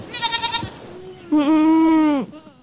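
goats bleating

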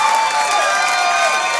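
audience clapping and cheering

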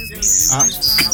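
bird chirping

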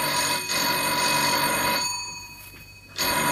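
telephone bell ringing

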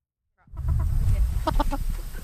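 chickens clucking

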